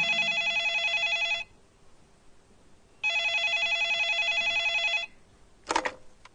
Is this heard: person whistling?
no